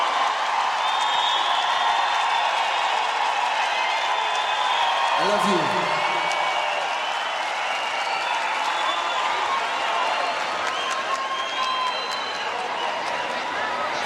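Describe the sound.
A concert audience at the Coliseu cheers and applauds steadily for a band for the whole stretch, a dense, loud wash of clapping and crowd noise, with one voice briefly shouting out above it midway.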